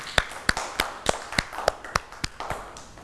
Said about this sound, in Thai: เด็กๆตั้งใจทำกิจกรรมมากเลยค่ะเก่งมากครับปรบมือให้ตัวเองด้วยค่ะ